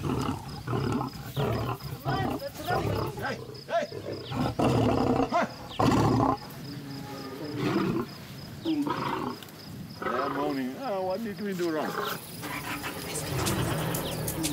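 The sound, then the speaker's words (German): Big cats roar and growl aggressively at a fence around feeding time, scratching at it with their claws: repeated loud bursts and snarls layered over one another, with a steady high insect-like buzz in the background. “Vor allem, weil auch gerade Fütterungszeit wäre und sie doch sehr aggressiv jetzt am Zaun sind und brüllen und mit ihren Krallen scharen.”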